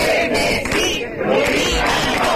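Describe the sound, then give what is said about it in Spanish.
A crowd of about 1,000 protesters in a village shouts slogans in unison ("Chernesí, Lubinas no") against a planned sea bass fish farm off their coast, a loud, dense roar of many voices that stays steady for the whole stretch with slight surges and dips. “En la aldea esta mañana, con gritos de Chernesí, Lubinas no, unas 1000 personas se han manifestado contra una piscifactoría que se prevé instalar en su costa.”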